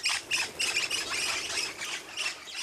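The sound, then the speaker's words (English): Crimson rosellas calling in a quick series of bright, high-pitched chiming notes with harsher squawky edges, overlapping continuously for a few seconds without any voices. “I love the sound of chiming crimson rosellas.”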